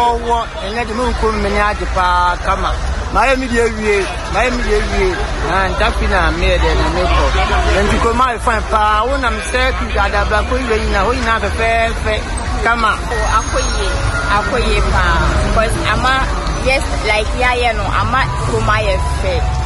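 A steady low rumble of road traffic runs underneath loud, overlapping chatter from several voices, continuous from start to finish with no pauses.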